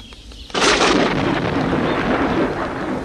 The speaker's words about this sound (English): Oh, no, he says. Rain and thunder.